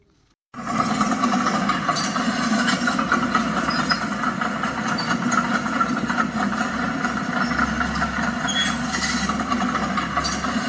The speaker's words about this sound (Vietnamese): Tại công trường dự án hồ dây điều hòa Yên Nghĩa 1, xã An Khánh, trong những ngày nghỉ lễ, công nhân cùng máy móc hạng nặng đang khẩn trương thi công. Xe tải nối đuôi nhau ra vào vận chuyển đất đào ra ngoài.